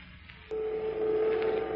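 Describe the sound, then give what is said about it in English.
A large generator in the prison power plant of the Monroe Reformatory: its steady electrical hum switches on abruptly after a brief hiss and drones on at a constant, moderately low pitch with a faint higher overtone, unbroken and with no voices. “One approached the other for a chat covered by the hum of a large generator.”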